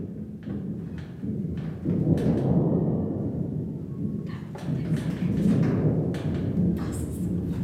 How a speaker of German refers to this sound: Kannst du eigentlich auch einen leisen Sturm machen? Ich kann zum Beispiel ein ganz entferntes Gewittergrollen nur machen.